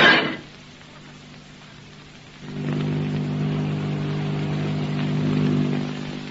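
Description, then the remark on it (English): A brief burst of noise gives way to quiet, then the deep, steady propeller-engine drone of a large silver plane landing on a field rises in and holds, a rumbling multi-toned hum that swells slightly toward the end. “What's that? It's a plane. Motors.”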